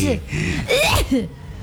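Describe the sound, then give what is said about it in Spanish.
A person mimics a sneeze with their voice, a breathy gasping build-up followed by a sharp burst, fairly loud, with a brief voiced sound trailing after. “Cuando estornudas siempre haces...”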